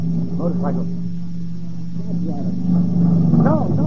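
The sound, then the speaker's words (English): A motorcycle engine hums in a steady, low-pitched drone that swells slightly louder toward the end, with indistinct voices murmuring over it. “What's that? Motorcycle.”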